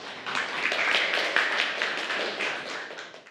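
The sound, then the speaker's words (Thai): A classroom of students claps together for a classmate chosen to answer the teacher, a dense, steady patter of many hands lasting a few seconds at an even, moderate loudness with no voices over it. “ใครตอบได้บ้างคะขอตัวแทน1คนค่ะปรบมือให้เพื่อนด้วยค่ะ”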